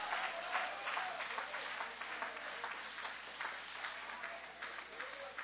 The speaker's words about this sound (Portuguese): Quem tem guardado aquilo que você aprendeu da palavra de Deus, levanta a sua mão bem alta então e vai aplaudindo, vai louvando, vai exaltando, vai adorando.